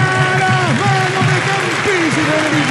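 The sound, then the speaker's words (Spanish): A large stadium crowd at a Cerro Porteño football match applauds Cecilio, the number 10, after his shot on target, in a steady, dense wash of clapping and cheering that fills the whole moment, with a voice carrying over the top. “Acertó el arco, había tenido un buen pase con Blas Rivero, se cambió silbido por aplauso por ahora para el 10.”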